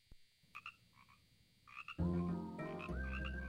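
Frogs croak in short, scattered calls at first, then a loud, dense chorus of croaking suddenly swells in and continues steadily to the end, with no voices.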